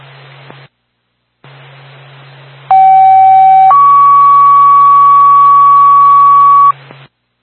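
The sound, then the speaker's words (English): Twin States fire department dispatch alert tones for Twin Mountain Fire Department, a fire alarm activation at 101 AMC Road in Carroll, tone at 3:46, over radio static: a steady one-second tone, then a slightly higher tone held for about three seconds, loud and unbroken, with a low hum underneath. “Time of your tone is 3:46.”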